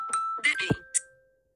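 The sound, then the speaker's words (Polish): A phone health-app notification chime rings out as two steady tones, a higher one followed by a lower one, lingering for over a second amid brief bursts of voice-like sound. “Przepraszam, bo tutaj ze zdrowia mi przyszło powiadomienie. Także był taki dźwięk.”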